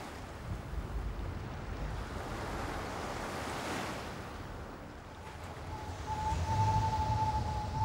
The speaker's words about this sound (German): Nordost, Windstärke 7. Gefühlte Temperatur 5 Grad.